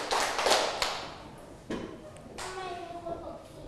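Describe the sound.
A class of schoolchildren clap their hands three times on their teacher's count of one, two, three, in a loose, uneven cluster of sharp bursts, followed by a couple of scattered claps, with faint voices in the background.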